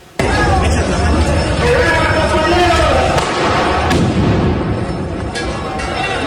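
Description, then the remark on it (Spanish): Sharp firecracker bangs pop out a few times as firecrackers are thrown over a loud, dense street crowd at Venustiano Carranza and 20 de Noviembre, near the Plaza de la Constitución, with constant babble and shouting filling the background throughout. “y justamente en la zona de Venustiano Carranza y 20 de noviembre le lanzaron petardos.”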